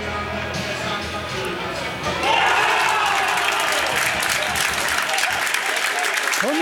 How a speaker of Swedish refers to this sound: Hör ni jublet i så fall så har ni förstått att det har blivit mål på den andra Superettan-arenan för att det är kvitterat utav Ljungskile mot Örebro.